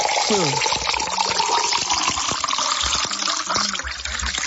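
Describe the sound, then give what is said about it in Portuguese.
Drinking water pours steadily into a glass, a continuous splashing gurgle lasting several seconds, with faint voices murmuring in the background. “Mais um copo aí, mais um.”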